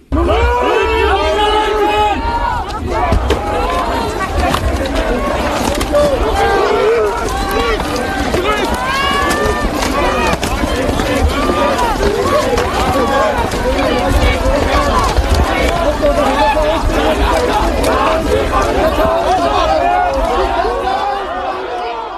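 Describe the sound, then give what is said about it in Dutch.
A dense, loud crowd of about 35,000 Antifa protesters at an AfD congress in Erfurt, Germany, with overlapping voices and shouting, a constant roar of many people with bursts of calls rising above the din throughout. “En jij kwam in een fuik terecht met 35.000 Antifa. En dat klonk als volgt.”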